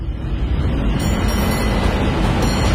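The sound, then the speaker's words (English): A San Francisco cable car rolls along with a steady, dense rumble and clatter, heavy low-end noise holding constant throughout with no pauses and no voices. “Hear that? That's San Francisco calling. Hop the cable car”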